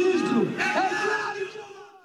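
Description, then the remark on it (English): A crowd of thousands protesting in the streets of Tirana, Albania, against a controversial coastal development and calling for Prime Minister Edi Rama to resign, shouts and chants together in a loud, sustained roar, with overlapping yells rising and falling throughout. “Thousands of Albanians took to the streets of Tirana to protest a controversial coastal development linked to Jared Kushner's investment firm, calling for Prime Minister Edi Rama to resign.”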